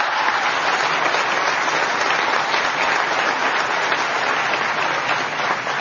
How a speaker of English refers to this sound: and I think she also deserves another round of applause.